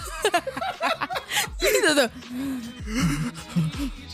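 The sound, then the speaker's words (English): A voice imitates being short of breath: rapid, breathless gasping, a run of short sharp inhalations and panting breaths mixed with strained vocal sounds, loud and uneven. “I was like, short of breath, so I was just going like...”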